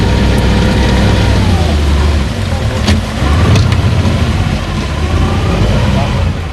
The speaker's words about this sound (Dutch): Stop the motor.